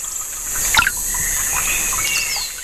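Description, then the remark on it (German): A steady outdoor trickle of running water beside a bench in the Rostocker Heide heath forest in Germany, with a few small bird chirps sounding over it, including one brighter call near the start. No one speaks. “wir sitzen hier in der Rostocker Heide auf einer schönen Bank, nah am Wasser.”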